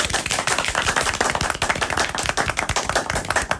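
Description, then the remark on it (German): A live audience claps steadily, dense overlapping handclaps at a fairly loud level, with no voices standing out over the applause. “Deswegen macht nochmal einen Riesenapplaus für unser Publikum!”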